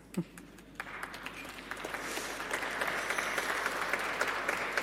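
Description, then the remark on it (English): Audience applause that begins with a few scattered claps and swells into steady, dense clapping from a crowd, holding at a moderate level to the end without any talking. “Thank you, brave applauders.”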